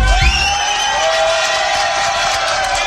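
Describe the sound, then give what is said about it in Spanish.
Steady, loud applause with cheering and some sustained whistle-like tones on top, continuing evenly for about three seconds without any talking, on the 7 a.m. show of Arroba FM Celaya radio (99.3 and 99.5), for a departing booth operator in León. “Démosle un fuerte aplauso a Javi, que ya se va.”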